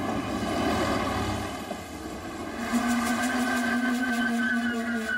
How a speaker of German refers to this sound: mehr als 100 Jahren gibt es in Keszthely auch einen Bahnhof. Bahnfahren ist hier ganz entspannt. Kaum Gedränge. Unser Zug kommt pünktlich.